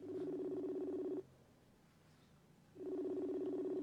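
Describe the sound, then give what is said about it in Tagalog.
A cellphone call tone sounds as a call is placed, in steady, buzzing bursts of about a second each, separated by a pause of silence, loud with no voices over it. “Tawagan ko siya, bra.”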